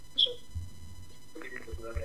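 A short high electronic blip, then faint, tinny voice-like audio starts playing by itself from a phone speaker over a low steady hum, muffled and indistinct with no clear words.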